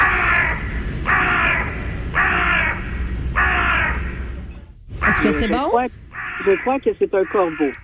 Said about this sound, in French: Je crois que c'est un corbeau. Oui! Excellent! OK, quel genre de corbeau?